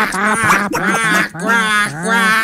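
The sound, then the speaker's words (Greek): Four loud, nasal duck quacks come in a steady, evenly spaced series, each one drawn out and raspy, with no talking. “Όταν έπαιζε στον Ολυμπιακό, …, κάνατε τις πάπιες.”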